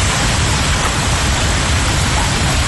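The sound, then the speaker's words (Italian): A dense, continuous, loud roar of a violent hailstorm, hailstones as big as tennis balls pounding down shortly after 9:30 pm in the lower Mendrisiotto (Balerna, Coldrerio, Castel San Pietro, Morbio, Vacallo), a steady wash of hard impacts with no pauses and no voices. “Erano passate da poco le 21:30 di ieri sera quando il basso Mendrisiotto è stato colpito da una violenta grandinata.”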